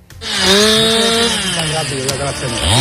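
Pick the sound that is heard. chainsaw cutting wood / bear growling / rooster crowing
chainsaw cutting wood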